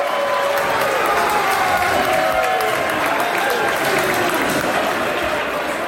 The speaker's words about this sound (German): Und wo dann klar ist, als die Schweiz im Achtelfinal steht an der WM, dank dem 2:0, gibt es Applaus zum Schlusspfiff.